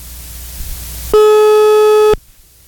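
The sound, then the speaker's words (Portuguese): One loud, steady telephone ringing tone lasting about a second as a call is being placed, clean and electronic, with soft background hiss before it and near silence after. No one speaks. “Gente, enquanto tá ligando aqui,”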